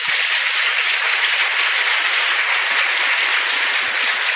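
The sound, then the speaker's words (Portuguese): Sustained audience applause at a public event, given in thanks to the city's mayor and municipal teams, a dense, steady wash of many hands clapping at once, loud throughout with no voices rising above it. “Nossa gratidão, o nosso reconhecimento e as nossas palmas.”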